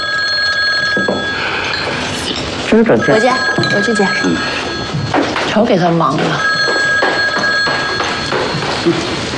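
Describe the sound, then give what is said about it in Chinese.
A telephone rings repeatedly in bursts of shrill, steady tones, fairly loud, with people talking over and between the rings. “让大舅接个电话。”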